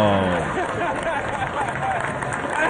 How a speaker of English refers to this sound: Hear that crowd? Yeah, they love it. That was in New York.